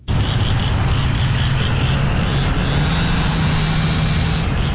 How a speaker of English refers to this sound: Morning after the tornado, the Wash Trailer Park in Bogachitta was filled with the sounds of saws, truck engines, and people calling out across the wreckage.